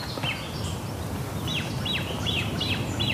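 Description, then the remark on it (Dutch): Repeated thin, high-pitched piping calls from a begging great crested grebe chick whose parents are still with it, coming in a steady series of short downward notes over a low background rumble, clear. “Bedelende voet. En die heeft, daar heeft nog wel net op te bedelen, want die ouders zijn er nog bij.”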